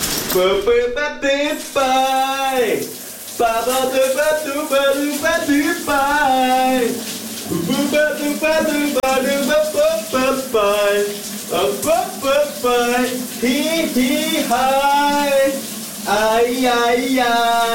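A man sings a wavering, continuous melody while running shower water hisses steadily underneath, the spray forming a constant wash behind his voice throughout.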